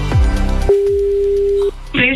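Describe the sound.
A single steady ringback tone from an outgoing phone call placed by a Qmusic radio presenter to a listener, sounding clearly for about a second. Brief background sound comes just before it, and a voice starts right after it ends.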